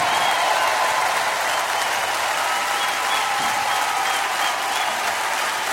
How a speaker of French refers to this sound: Wow, s'il vous plaît, applaudissez comme il se doit.